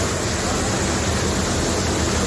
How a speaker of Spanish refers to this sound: El que escuchan es el sonido del agua en las instalaciones de la estación de tren de Sants, en Barcelona. Las lluvias han obligado a suspender el servicio de rodalías y media distancia.